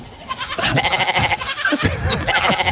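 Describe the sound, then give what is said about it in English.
Goats bleat loudly and repeatedly in a continuous, wavering chorus of nasal cries, overlapping for nearly three seconds with no pause. “Well, my goat doesn't quite sound like that.”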